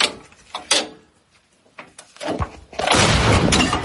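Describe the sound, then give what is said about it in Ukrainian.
An artillery gun, readied for firing by its crew, fires: a few sharp metallic clanks and knocks, then a loud, broad blast that rolls into a sustained roaring rumble filling the last second and a half. “Гармату до бою екіпаж готує буквально пару хвилин. Постріл!”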